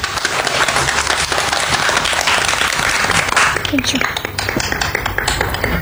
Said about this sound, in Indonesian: Beri tepuk tangan untuk teman kita semua.